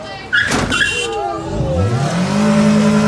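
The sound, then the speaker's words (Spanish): A car engine revs hard during a chase of an attacking car, its pitch climbing steadily and holding high, after a brief tire squeal at the start; a voice talks over the loud engine noise. “Luego, un familiar de la mujer comenzó una cacería mortal contra el auto atacante.”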